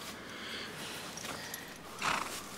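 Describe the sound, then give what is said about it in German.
A horse, held out an apple that it will not eat, shuffles and stirs in a stable, with one short, breathy snort near the end standing out over a steady background rustle. “Ich habe gerade Sterzin Apfel hingehalten. Der will auch nicht fressen.”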